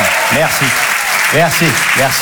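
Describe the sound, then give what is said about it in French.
An audience at the Apollo Théâtre applauds a performer coming on stage, a dense, steady wash of clapping that holds at an even level throughout, with a few voiced calls or cheers rising above it in short bursts. “je trouve ça bien de rentrer sur scène avec de la bienveillance et des applaudissements”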